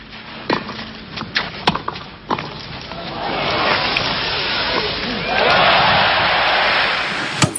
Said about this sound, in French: Les acclamations pour Borg, héros de Roland-Garros. Là, c'est la finale de 1980.